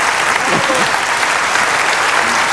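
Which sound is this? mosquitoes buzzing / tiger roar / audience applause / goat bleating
audience applause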